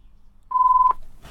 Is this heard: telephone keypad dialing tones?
yes